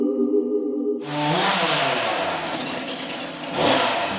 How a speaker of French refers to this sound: Attention, toujours à la tronçonneuse.